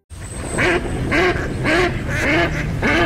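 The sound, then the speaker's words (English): A duck quacks five times in a steady rhythm, each call loud and nasal, over a low background hum with a faint high whine. “Do you hear that? Now that's music to my ears. Time to gear up for bird season.”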